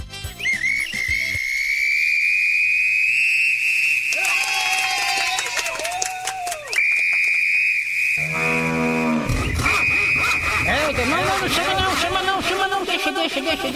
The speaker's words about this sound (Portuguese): Fui só apitar aqui, já começou a alarmar. Na hora que eu apitei aqui, foi dito e feito.